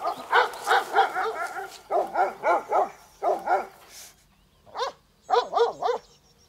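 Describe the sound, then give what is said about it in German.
Livestock guardian dogs of the Albrecht family in Germany bark in quick clusters of three or four sharp, yelping barks, with a single bark near the end. Fairly loud, with no talking. “Die Albrechts waren mit ihren Herdenschutzhunden Pioniere in Deutschland.”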